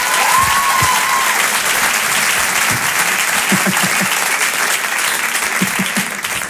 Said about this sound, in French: Allez, on peut l'applaudir très fort.